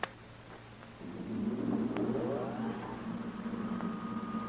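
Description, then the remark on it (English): A car engine drones steadily, swelling louder after the first second with a rising, revving pitch before settling into a continuous rumble. No one speaks. “It's Tex. Calling from his car.”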